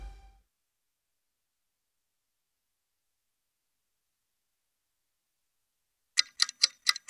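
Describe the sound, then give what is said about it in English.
After a long stretch of near silence, a clock ticks sharply and steadily, about five crisp, evenly spaced clicks near the end. “That's the sound of your valuable free time ticking away as you go to the farm.”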